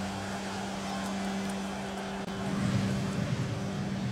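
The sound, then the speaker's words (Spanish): Steady road traffic noise on a hot commute to work, a continuous low engine drone and hum that holds at a moderate level, swelling slightly and growing rougher in the second half. “Tu camino al trabajo puede ser una pesadilla. El tráfico, el calor y esa música estresante.”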